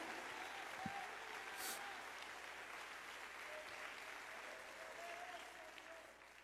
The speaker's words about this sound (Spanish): Dale un aplauso de gloria al Señor.